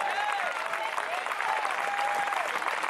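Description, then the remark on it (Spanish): An audience at a worship service applauds steadily for Christ of glory, dense clapping at an even loudness throughout, with faint high whistles or cheers gliding above the sustained wash of hands. “Le fuerte ese aplauso al Cristo de la gloria.”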